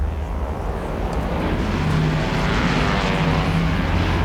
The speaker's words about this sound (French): L'avion fait un virage à 90 degrés et met le cap vers le nord pour entamer sa descente vers ce qu'il pense être l'aéroport de Santiago.